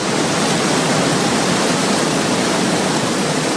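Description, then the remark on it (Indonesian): Loud, steady rushing of the Serayu River, not far from Merica Reservoir in Banjarnegara, a dense continuous roar of turbulent flow with no pauses and no voices. “Derasnya air Sungai Serayu terdengar tidak jauh dari Waduk Merica, Banjarnegara yang mempunyai luas 1.250 hektar.”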